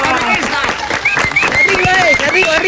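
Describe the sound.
An audience applauds steadily, with scattered claps running throughout, while several voices call out and cheer over the clapping at a fairly loud, even level.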